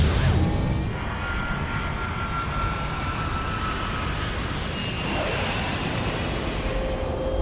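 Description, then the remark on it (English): A jet airplane taking off roars steadily and loudly, its broad rumbling engine noise layered with high whining tones that slowly shift in pitch, after a brief louder burst at the start. “the captain and his crew would like to welcome you on board of your flight 001 Jet Set Live”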